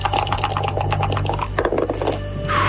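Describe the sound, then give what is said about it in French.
Dice rattle and clatter in a rapid burst of sharp clicks for a couple of seconds over a steady low hum, then settle into quiet; the dice are rolled in a game and land on a 2 and a 1. “On va lancer les dés quand même. Lancement de dés.”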